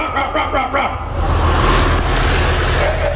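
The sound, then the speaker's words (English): A breeding frog in a sewer, answering a bark made into the sewer, gives a quick series of about four short, hoarse barking calls, followed by a steady, loud rushing hiss of background noise. “Just one simple bark into the sewer and... And that, my friend, is not a dog. It's a frog getting it on.”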